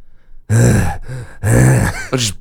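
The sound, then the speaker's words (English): A person imitates the heavy panting of a pet bulldog that has just eaten a whole lamb shoulder, making three loud, raspy, grunting breaths in quick succession, with no other sounds. “Breathing really heavily. Sauce all around his mouth. Oh, no. Panting.”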